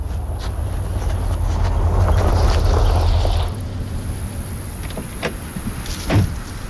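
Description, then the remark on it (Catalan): A car rumbles for a few seconds as it arrives, then its engine noise drops away, followed by a few sharp mechanical clicks and a car door opening with a clunk. “Ah, mira, ja arriba.”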